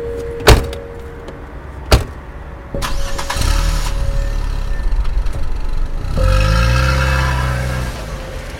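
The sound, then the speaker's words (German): Two sharp car door thumps, then an engine cranks and starts, idles briefly, and revs up again with a rising hum. Fairly loud, no talking. “herauskam und ging dann mit ihm zu seinem Wagen.”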